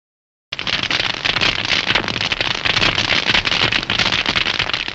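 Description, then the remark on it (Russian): Loud, dense crackling of tiny sea creatures living on the rocky sea floor, picked up by a hydrophone, a continuous fizzing clatter of countless tiny snaps that begins abruptly after a brief silence and holds steady throughout. “Гидрофон улавливает их громкую трескотню.”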